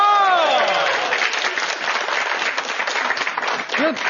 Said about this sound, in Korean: 근데 결혼 안 한 여자보다 결혼을 하신 여성분들 이렇게 40대, 50대, 60대 이런 분들한테 강의하는 게 되게 친근하고 좋은 것 같아요. 해당되시는 분들 박수 한번 주세요.